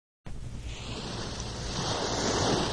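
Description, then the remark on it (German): Ocean surf rushes in with a steady, broad wash of breaking waves that swells slightly louder toward the end, with no voices over it. “Ich höre schon die Brandung, das Wellenrauschen.”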